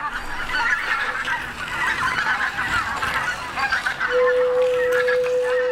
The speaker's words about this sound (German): Tonloch ist ein Werk für Keramikflöten, Flötenzuspiel und Video projiziert auf Ziegel in einem Aquarium